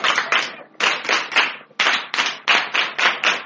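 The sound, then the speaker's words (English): A crowd gives God a big hand clap, clapping together in a steady, patterned rhythm, loud sharp bursts falling in quick groups of three with brief pauses between. No one speaks over the clapping. “Please may I give God a big hand clap.”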